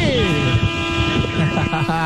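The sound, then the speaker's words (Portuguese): A horn honks in a long, loud, continuous blare, its tone sliding down at first and then holding steady with a buzzy, brassy edge, wavering slightly near the end, as part of a buzinaço, a horn-honking event. “Vai lá, buzina, meu filho, buzine à vontade. Esse é o nosso buzinaço pra você participar com a gente.”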